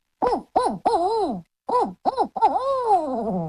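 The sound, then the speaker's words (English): A person imitates a barred owl, voicing a rhythmic series of short, throaty hoots in two phrases, the last ending in a long, wavering hoot that slides downward and fades. “Like the barred owl, I have to build us a lot of air to be able to do it.”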